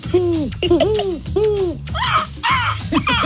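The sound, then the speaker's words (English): A voice imitates rock dove cooing: a few rounded, rising-and-falling coos, followed by higher, warbling pigeon-like calls, all fairly loud and without other talk. “It's a rock dove.”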